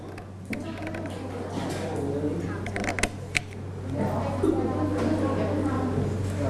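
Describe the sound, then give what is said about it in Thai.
A few sharp snips of scissors as a teacher cuts paper along a solid line, over a steady low electrical hum and faint rustling in the background. “ส่วนที่เราตัดได้คือเส้นไหนลูกเส้นทึบส่วนไหนเส้นทึบเราเริ่มจากทางด้านสายมือก่อนนะคุณครูจะตัดเส้นทึบนะคะให้นักเรียนใช้กรรไกรตัดนะ”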